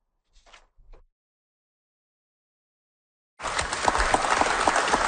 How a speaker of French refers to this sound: À son arrivée à Kujawak, Mark Carney a été applaudi. Le village n'avait pas reçu la visite d'un premier ministre depuis Stephen Harper en 2008.